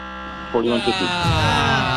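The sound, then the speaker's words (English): A steady, harsh game show buzzer drones for the full two seconds as time runs out on a contestant's higher-or-lower number-guessing round, at a guess of 4,150. Its rich buzzing tone holds constant while people's voices break in over it halfway through. “4,150 was at the buzzer.”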